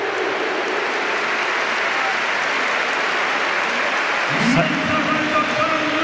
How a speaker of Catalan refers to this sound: Se'n va Jonathan David. Atenció. Creu Jonathan David? Sí. Sí. Simeone. Aplaudiments de moment pel canadenc.